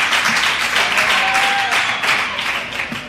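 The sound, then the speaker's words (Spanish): An audience claps and applauds steadily for about three seconds, a dense, crackling wash of many hands that stays loud throughout before easing slightly at the end. “Aplauso, por favor.”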